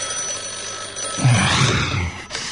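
A telephone rings loudly in one brief burst of about a second, its jangling bell standing out against a quiet background with no talking.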